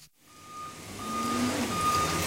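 A dump truck's reversing alarm beeps in steady, repeating tones over a rumbling diesel engine that grows louder as it backs up to a big bay door of a tall metal building at the local dump in Unalaska, Alaska.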